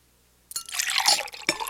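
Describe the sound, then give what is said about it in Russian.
After a brief silence, water pours steadily into a cup, refilling it at a meal, a bright splashing gurgle lasting just over a second with no voices. “Его Величество, вероятно, хочет еще немного воды.”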